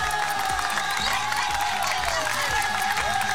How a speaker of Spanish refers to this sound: Claro, claro, un aplauso para ellos.